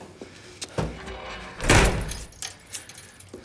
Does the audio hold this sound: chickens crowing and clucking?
no